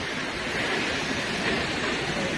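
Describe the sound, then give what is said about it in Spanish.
A powerful waterfall with a 222-metre drop into a rock cirque, on the border of Álava and Burgos near the Orduña pass, roars in a steady, dense, loud rush of white noise, with no pauses or voices, just continuous crashing water echoing off surrounding rock. “Son 222 metros de caída en un circo de piedra fabuloso. El sitio en sí ya es espectacular. Pero claro, si ves caer esa cola de caballo, esa cola de agua, pues más todavía.”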